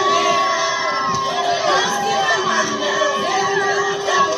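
A large crowd of Cape Verdeans cheers and shouts continuously to welcome home their men's national football team, the Tubarões Azuis, after the World Cup, with high-pitched voices and whoops rising over a dense, steady roar that stays loud throughout.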